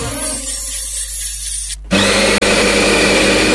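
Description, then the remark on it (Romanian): A coffee grinder crunches through beans with a loud, gritty whir, pausing briefly before a harsher, fuller grinding burst resumes. No one speaks. “Mirosul ăla de cafea proaspăt măcinată, îl simți?”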